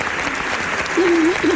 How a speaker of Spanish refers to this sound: te mandamos un beso y un aplauso desde el teatro, desde tu teatro.